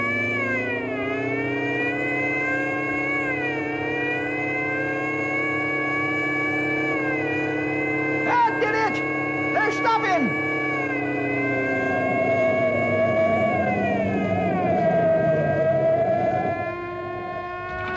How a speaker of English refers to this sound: Hold on. I'm gonna kick in the supercharger and the emergency speed gear.